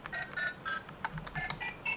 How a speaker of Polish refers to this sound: Dzwonek telefonu.